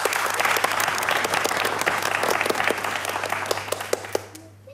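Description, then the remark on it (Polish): A crowd applauds steadily to welcome the next soloist, dense overlapping claps at an even loudness that thin out into a few scattered claps before fading at the end. A low steady hum runs underneath. “Wielkie brawa.”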